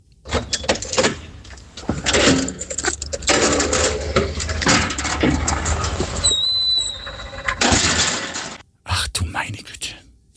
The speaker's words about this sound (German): das war das Geräusch der Tiefgaragentüre beim Aufsperren und wie sie wieder zufällt